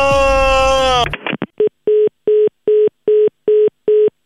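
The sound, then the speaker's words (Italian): A short falling tone and a burst of noise give way to telephone dialing tones announcing a new phone call: about eight identical mid-pitched beeps, evenly spaced in a steady rhythm and fairly loud. “attenzione, una nuova telefonata.”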